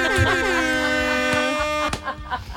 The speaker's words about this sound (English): A couple of air horns in there just to match their vibe, you know what I mean?